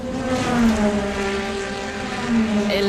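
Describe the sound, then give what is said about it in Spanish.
A loud, steady engine roar from Ferrari's first racing car, debuting at the Piacenza circuit in 1947, its deep droning tone holding for about three seconds with a slight rise near the end, heard alone without any talking. “Tal día como hoy, en 1947, el primer coche de Ferrari debutaba en el circuito de Piacenza.”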